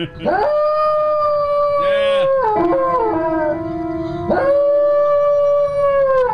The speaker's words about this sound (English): With special guest, a singing dog.